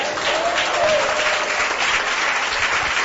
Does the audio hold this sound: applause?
yes